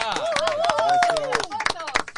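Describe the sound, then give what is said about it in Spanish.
An audience claps for Jorge "Pipi" Higuaín in a quick, uneven patter of sharp claps, while a voice rises and falls over the applause. “En ese orden, el aplauso para Jorge el Pipi Higuaín.”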